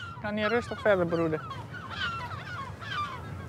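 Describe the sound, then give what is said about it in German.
Several gulls call loudly and repeatedly in a breeding colony shared with spoonbills, harsh harmonic squawks with falling cries overlapping one another over a steady background of colony noise; the gulls are angry at the people visiting the colony. “Die Löffelreiher sind in der Mitte und die Möwen platzieren sich wie ein Schutzring drumherum.”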